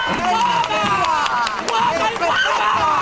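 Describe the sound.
A crowd applauds and cheers loudly throughout, sharp claps scattered through a dense wash of excited voices calling out, steady for the whole stretch.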